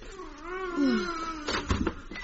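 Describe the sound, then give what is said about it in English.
A baby's thin, wavering wail rises and falls for about a second and a half, then gives way to a few short, rough bursts of noise. No one speaks. “The baby's crying.”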